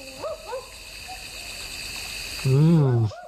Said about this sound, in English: Sounds like a barking owl to me. It is a barking owl.